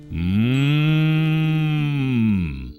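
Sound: calf mooing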